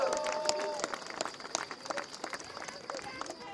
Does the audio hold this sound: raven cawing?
no